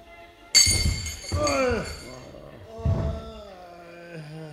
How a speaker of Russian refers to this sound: А это судья упал со стула.